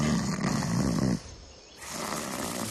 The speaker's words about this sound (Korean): 오, 큰 고양이 과인데? 그럼 호랑이나 표범 같은 거.